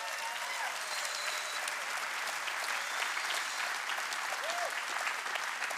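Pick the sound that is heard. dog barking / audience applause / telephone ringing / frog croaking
audience applause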